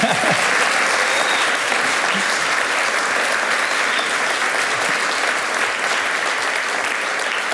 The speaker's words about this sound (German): Heute Abend sind wir hier live im Alpenfestsaal. Sie können gerne klatschen, wenn Sie wollen.